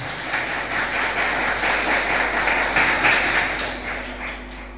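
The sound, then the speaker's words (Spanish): A crowd claps for the Lord steadily for several seconds, a dense, continuous wash of many hands with no voices standing out, holding at an even, fairly loud level throughout. “Den un aplauso, por favor, al Señor.”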